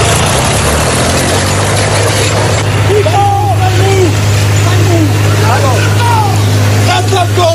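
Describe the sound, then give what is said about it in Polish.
A tractor engine runs steadily with a deep, constant rumble and rough mechanical noise, recorded in Gliwice, Poland, during an incident in which a 60-year-old farmer damaged public road property; faint voices rise briefly in the background partway through. “Zamieściła też nagranie ze zdarzenia.”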